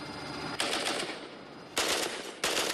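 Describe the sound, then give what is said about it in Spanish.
Three loud, sharp explosive bursts, each lasting about half a second, ring out at uneven intervals over a steady rumbling background, with no talking; the explosion lands on a road. “¿Dónde fue la explosión?”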